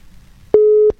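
A phone's ringback tone while a call is connecting and still ringing: one steady, mid-pitched electronic beep that holds for a fraction of a second and then stops, loud and clear against a quiet background with no one talking.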